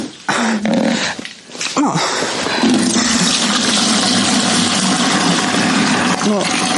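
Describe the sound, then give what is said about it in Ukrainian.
Rainwater leaks through the artificial ceilings on the second floor of a house left practically without a roof, splashing into household dishes and containers, a loud, steady rushing and spattering that runs throughout, with a few brief whining, voice-like sounds near the start and end. “Ловимо воду. Так виглядає другий поверх з штучними стелями.”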